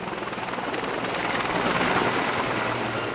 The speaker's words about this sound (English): They have eased slightly, which means helicopters are back in the air, dropping water on the flames.